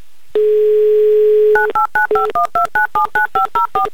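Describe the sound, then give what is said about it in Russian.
A steady dial tone hums for about a second, then a quick run of about twelve evenly spaced touch-tone beeps as a phone number in Murmansk is dialed, loud with no talking. “Мы вам будем звонить, так что берите в руки телефон.”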